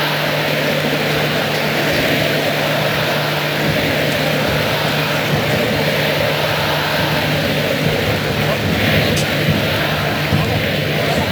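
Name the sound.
drones buzzing overhead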